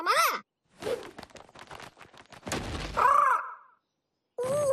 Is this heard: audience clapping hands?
no